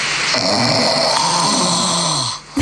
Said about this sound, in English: see if we can compare the two snores